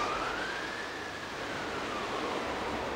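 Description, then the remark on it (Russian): An ambulance siren wails with a slow rising and falling tone, half-buried in a steady wash of road noise, with no voices, as the ambulance arrives at a forester's house. “Машина скорой помощи подошла к домику лесника немного позже Цеплакова.”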